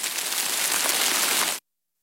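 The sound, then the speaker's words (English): Steady, dense rain hisses evenly for about a second and a half, fairly loud, on the west side of Buffalo, New York, then cuts off abruptly into silence. No voices are heard. “Listen to sounds of Western New York and Southern Ontario. like local waterfalls or rain falling on the west side of Buffalo.”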